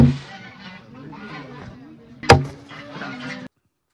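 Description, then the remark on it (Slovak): Geese honk and cackle in the background in a continuous, busy chorus, with one sharp, loud knock or clatter partway through before the sound cuts off. “Husy gágajú v pozadí, to je jasné.”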